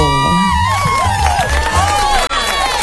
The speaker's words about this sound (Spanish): ¡Aplausos! ¡Eso!